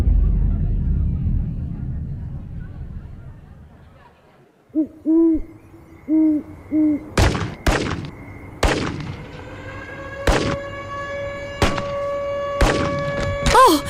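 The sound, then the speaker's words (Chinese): Several sharp, loud gunshots crack out irregularly, each ringing briefly afterward, following a low rumble and a short wavering, hooting tone. “我听到了警报和枪声。”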